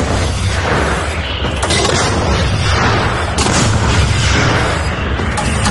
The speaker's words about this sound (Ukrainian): Робота! Постріл! За першим пострілом – другий, третій і четвертий. Постріл!